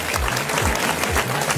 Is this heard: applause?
yes